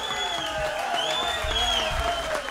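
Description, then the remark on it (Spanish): Steady audience applause for the maestro, a dense wash of many hands clapping at once, with sustained cheering voices and whoops riding over it throughout. “¡Aplauso al maestro!”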